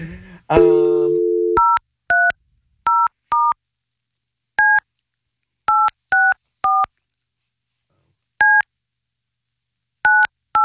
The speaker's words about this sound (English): She's got a cool phone number. When you punch it out on the board, that's pretty cool.